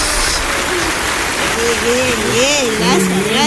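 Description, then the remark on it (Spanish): A steady wash of clapping from a crowd fills the whole stretch at an even, fairly loud level, with a voice speaking over it during the second half. “Un aplauso.”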